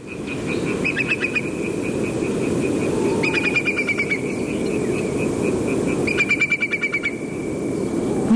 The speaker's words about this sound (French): Oui, alors en fait c'est un courlis corlieux, mais c'est un cousin germain, mais c'est pas grave. C'est un oiseau qui est en train de passer au-dessus de chez moi en pleine nuit. En Bretagne. Au printemps, on est fin avril,